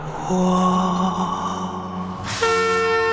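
A loud, long train horn blast sounds over a low rumble, then shifts abruptly into a second, brighter horn tone that holds to the end.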